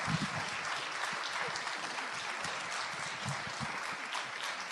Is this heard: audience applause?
yes